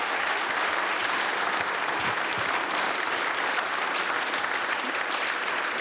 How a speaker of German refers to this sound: Und jetzt einmal einen riesengroßen Applaus, weil das spritziger Spül, das geht ja gar nicht anders.